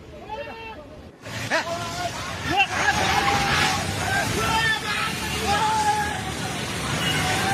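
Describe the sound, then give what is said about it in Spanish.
A loud, steady roar of the flooded Trishuli River striking violently against a bridge in Bidur, filmed from a hillside, with many excited voices shouting and talking over it, broken by a brief gap near the start. “Las aguas del río Trishuli golpean con violencia uno de los puentes de la zona.”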